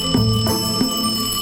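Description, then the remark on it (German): A telephone rings with a bright, metallic bell tone, fairly loud, the ringing sustained and slightly pulsing through the moment with no voices present. “Bis das Telefon klingelt.”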